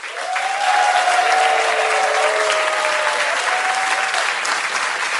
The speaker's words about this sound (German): Dieser Applaus verspricht dir das.